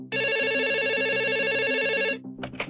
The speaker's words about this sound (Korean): 2024년 9월의 어느 날밤 119에 다급한 신고 전화 한 통이 걸려옵니다.